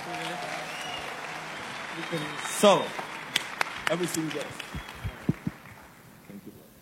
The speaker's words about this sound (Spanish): Así que damos un aplauso fuerte.